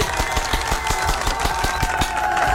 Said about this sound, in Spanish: ¿Vamos a darle más aplausos? ¡Claro que sí!